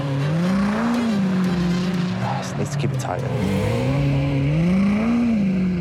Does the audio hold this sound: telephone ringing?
no